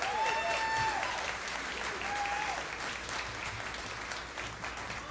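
A crowd applauds a band's last number steadily, dense clapping filling the whole stretch at an even level, with a few sharp whistles rising through it near the start.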